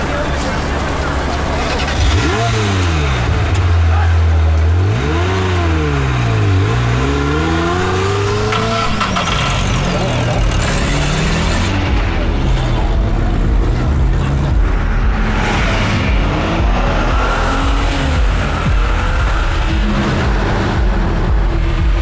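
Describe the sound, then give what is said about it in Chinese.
An old, battered-looking car with a newly replaced engine revs hard several times, its pitch sweeping up and down loudly, then settles into a sustained roar with high tire squeals and murmured voices underneath. “别看这车破，发动机可是新换的。”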